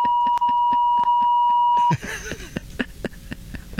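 An alarm clock sounds loudly for about two seconds, a steady piercing tone over rapid rhythmic ticking, then stops abruptly, giving way to muffled rustling and movement.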